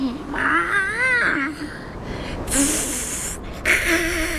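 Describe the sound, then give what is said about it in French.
A male cat in heat on a mountainside, searching for a female, yowls in long, warbling, wavering cries, loud and tonal, with a harsh breathy hiss between two bouts of yowling. “Il s'approche et en plus, il chante. Il doit être en rute, à la recherche d'une femelle à féconder.”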